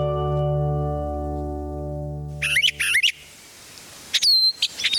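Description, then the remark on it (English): A steady, humming tone gives way to two quick bursts of bright, warbling spring birdsong, clear, with a short pause between them. “Let's listen to some brilliant bursts of song on today's Nature Watch.”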